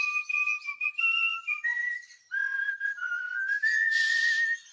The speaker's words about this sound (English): Oh, stop it! I thought we got rid of that song a long time ago. I just can't stand it. Listen to the bird. Stop it, you naughty birds. I can't stand to hear that thing one more time.